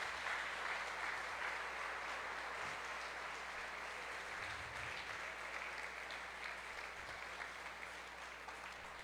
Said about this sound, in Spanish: Y esta belleza de hombre que tenemos aquí, que pido que le demos un aplauso al cielo por el Papa Francisco.